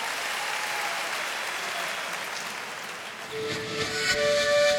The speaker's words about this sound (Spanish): favor, fuerte el aplauso.